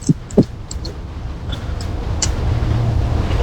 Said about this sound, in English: Yeah. There's the bus. You can't catch it.